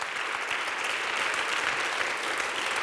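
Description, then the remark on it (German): A large audience claps steadily in the large broadcasting hall (Großer Sendesaal) on the Halberg after a live SR Kultur concert by the brass ensemble of the Hochschule für Musik Saar; a dense, continuous, reverberant wash of applause at full volume with no voices standing out. “Das ist euer Applaus.”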